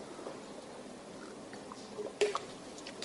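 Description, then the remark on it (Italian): A quiet sip of water, with soft wet mouth sounds and a small swallow-like click near the end over a low hiss. No one speaks. “Sì, mi prendo un po' d'acqua, grazie.”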